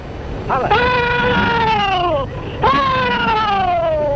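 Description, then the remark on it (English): A rebel yell war cry performed one by one by elderly Confederate veterans, all at least in their 80s, recorded in the 1930s at a Civil War memorial event: two long, loud, high-pitched whooping yells, each wavering and sliding downward in pitch, with a brief gap between them and no talking. “One by one, the old veterans perform their war cry, which was last heard on a field of battle over 150 years ago.”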